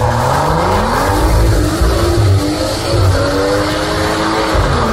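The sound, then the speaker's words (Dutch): A car exhaust, filmed on video by its owner Michiel Peterons, revs loudly and continuously, the engine pitch climbing and dropping in waves over a deep rumbling roar, with no voices. “En Michiel Peterons heeft ook een bericht gestuurd via VRT Max, maar eigenlijk een video van zijn eigen knalpot. Luister even mee.”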